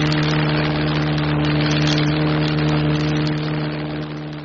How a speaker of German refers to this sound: Und brummende Flugzeuge, die über den Wolken schweben.